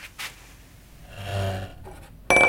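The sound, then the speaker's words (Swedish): A glass of blueberry soup tips over with a soft rumble of sliding and sloshing, spilling onto the floor and a white kitchen rug, then a sudden loud clatter and ringing clink right at the end. “Muster Anja råkar välta ett glas blåbärssoppa.”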